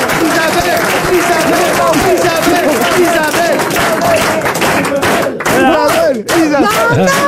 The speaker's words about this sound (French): C'est vexant. Arrêtez d'applaudir, c'est vexant.